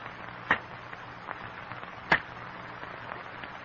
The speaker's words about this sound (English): In the strained silence, the men listen to the sharp crack of cane knives on stalks of cane. The crackling of falling cane leaves.